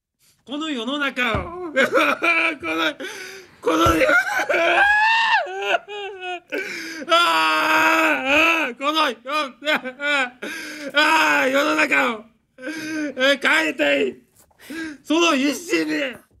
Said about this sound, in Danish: Altså undskyld, der vil jeg ikke sige gråd, der vil jeg sige vrælen. Altså det er jo det der, er jo et fantastisk eksempel på, jamen det er jo ritualiseret gråd. Ikke? Det er jo en performance. Enhver kan se, det der er ikke ægte.